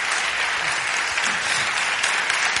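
A crowd applauds steadily, a dense wash of many hands clapping at an even, loud level throughout with no pauses, and no voices standing out above it.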